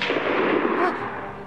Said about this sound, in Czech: Ten poslední výstřel, to byla puška Vinnetua. A kdo střílí, je živ.